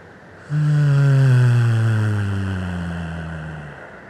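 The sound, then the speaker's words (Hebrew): A single voice hums a long, steady low tone on one exhale after a held deep breath, a sound of relief made in a breathing exercise to calm the body; clear, its pitch sliding gently downward for about three seconds before fading out. “נעשה את זה עוד פעם אחרונה, ניקח נשימה עמוקה, נחזיק את האוויר, נחזיק, נחזיק, וביחד נוציא צליל של הנחה.”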